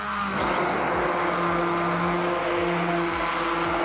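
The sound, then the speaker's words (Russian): A kitchen blender runs steadily, a loud motor whine with a humming drone and repeated low pulsing thumps as the blades churn, with no voices over it. “И также еще раз блендерю.”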